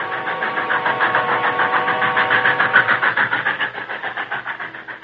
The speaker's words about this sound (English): They heard the distant sound of a passing train and paused.